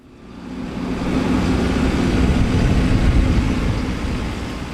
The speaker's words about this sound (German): Ein gelber Traktor rollt über schlammiges Gelände. An den Zinken des Frontladers hängt an einer Kette ein sternförmiger Betonklotz, ein sogenannter Igel, eine Panzersperre.